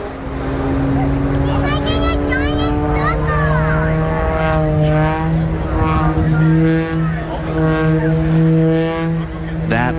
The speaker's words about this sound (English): when the airplane is tumbling end over end, the propeller makes that very distinctive sound